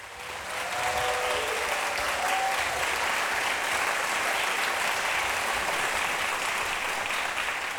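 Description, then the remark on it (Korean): Steady audience applause for the teacher-performers as they take their bow, a dense wash of many hands clapping that rises quickly in the first second and holds at an even, loud level throughout, with no speech over it. “그러면 저희 선생님들 박수와 함께 인사드리면서 다음으로 이어가겠습니다.”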